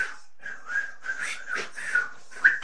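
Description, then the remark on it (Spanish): A person whistles a series of short, bird-like notes near a steady pitch, with a few brighter chirpy accents, imitating a bird call. No talking, just the whistled phrases. “En el canto no, dice es un bicho. Pájaro. Silba así.”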